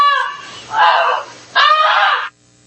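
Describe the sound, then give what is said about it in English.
A goose honks loudly in two long, harsh, nasal calls, each lasting most of a second, separated by a short pause and then followed by quiet, as it alerts a family to a fire in their barn. “Again, we have actual audio of the goose alerting the family.”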